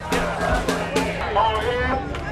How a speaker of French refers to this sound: Les slogans scandés par la foule sont en anglais. Pas de haine, pas de peur, les migrants sont les bienvenus ici.